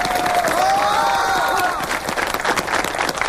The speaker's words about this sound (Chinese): 啊！鼓掌鼓掌！